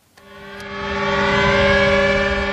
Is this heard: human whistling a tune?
no